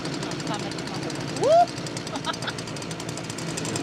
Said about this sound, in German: Jetzt wird sich zeigen, wie gut sie sich ohne Worte verstehen. Hören können sie sich bei laufendem Trecker plus Säge jedenfalls nicht.